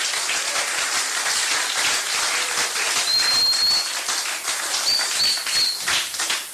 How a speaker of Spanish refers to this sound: Dele palmas a Cristo. ¡Oh, gloria!